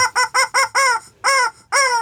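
A chicken clucks loudly, about six sharp calls in quick succession, the later ones drawn out longer, with no talking.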